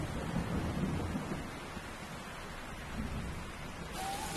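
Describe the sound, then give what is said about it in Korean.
Heavy, steady rain from a tropical storm in a rainforest pours down in a dense hiss, with a deep rumble of thunder rolling low beneath it throughout; no voices. “열대우림에선 지속적인 위협이자 동시에 축복인 존재가 있습니다. 바로 열대폭풍입니다.”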